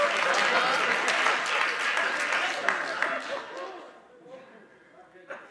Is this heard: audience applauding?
yes